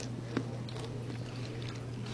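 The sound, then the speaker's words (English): A soft, muffled bite into a slice of dill pickle pizza with garlic cream sauce and fresh dill, followed by faint, moist chewing sounds, all quiet over a steady low electrical hum. “Not a lot of sound with that bite. Not as crunchy as the butter tart, but it's good.”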